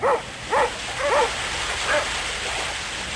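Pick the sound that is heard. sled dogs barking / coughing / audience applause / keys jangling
sled dogs barking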